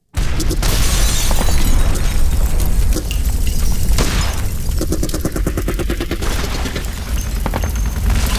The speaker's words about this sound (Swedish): Den 24 maj 1940 vaknar Trotsky och Sedova av explosioner och gevärseld. Klockan är 4 på morgonen.